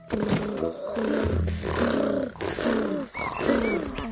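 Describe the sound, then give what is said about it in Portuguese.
A voice imitates a tiger purring, a fairly loud rumbling growl rolling in several drawn-out pulses with brief breaks between them, and no talking alongside. “E quando o tigre está feliz, então ele ronrona.”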